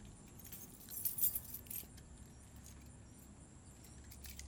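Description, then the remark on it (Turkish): Keys jingle in a short metallic burst of rattles and clinks over a steady low rumble like an idling car, then settle into quieter background hum. “Anahtarlar sende mi?”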